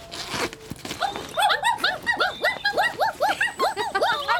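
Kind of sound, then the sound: animal, puppies whimpering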